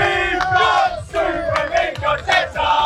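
Arsenal supporters in a packed crowd chant together, a loud, sustained roar of many voices rising and falling in rhythmic surges with brief dips between phrases. They are watching Arsenal take on reigning champions PSG in the Champions League final in Budapest.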